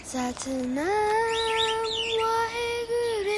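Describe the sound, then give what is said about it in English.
Birds chirping: a loud, sustained whistling call slides upward and holds steady while quick, fluttering chirps warble above it for a few seconds, with no one talking. “What? The birds too?”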